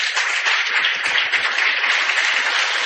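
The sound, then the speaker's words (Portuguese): A church gathering breaks into steady applause welcoming the religious sisters of Santa Maria, many hands clapping in a dense, continuous wash of sound that holds at an even level throughout, with no voices heard over it. “Quero registrar a presença fraterna, amiga, das religiosas, as queridas irmãs de Santa Maria, uma salva de palmas.”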